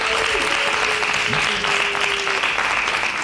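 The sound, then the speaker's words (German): A crowd erupts in loud, sustained cheering and clapping, a dense wash of noise with a few whistles and shouts rising above it throughout, as the audience votes by making noise for the cuboid (Quader) rather than the hexagon as the more masculine shape. “Ist es für euch der Quader? Dann lärmt bitte jetzt!”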